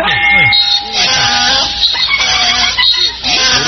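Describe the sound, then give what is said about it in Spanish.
A loud donkey bray sound effect, a string of harsh, wavering hee-haw cries repeating, with voices talking over it. “Oiga, póngaselo ya, Carlitos, póngale un burro primero”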